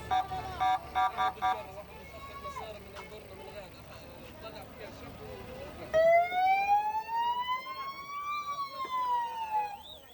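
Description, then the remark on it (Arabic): An emergency vehicle siren wails loudly as ambulance and civil defence crews rush to the scene of an Israeli drone strike on a car near the Islamic University in Gaza City. From midway through, its tone sweeps slowly up and down over a busy street background; earlier, short repeated beeping tones and voices mix into the noise. “وهرعت طواقم الإسعاف والدفاع المدني إلى المكان للتعامل مع الحادث.”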